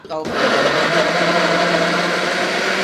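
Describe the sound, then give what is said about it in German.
A blender purées tomatoes cut into rough pieces: after a brief rattling start, a loud, steady motor whir with a humming whine runs unbroken to the end. “Okay, also dann nehmen wir das jetzt so hin, schneiden die Tomaten in grobe Stücke. Und schmeißen die in den Mixer.”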